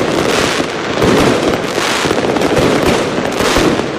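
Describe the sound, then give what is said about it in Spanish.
Fireworks explode in a dense, continuous barrage, loud crackling bursts and booms overlapping without pause, with no voices, at the opening of the 2026 fair in Cáceres as the fairground lights are switched on. “Con el encendido del recinto y los fuegos artificiales, ha arrancado esta edición del 2026”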